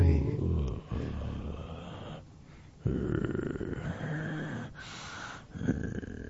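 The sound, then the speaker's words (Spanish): A person growls and snarls like a wolf in rough, throaty bursts, loud, with a few short pauses between the guttural stretches. “Tranquilo, te estás convirtiendo, …. El hombre lobo.”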